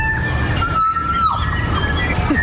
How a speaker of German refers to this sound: dieses Geräusch von einem Kokako braucht Hollywood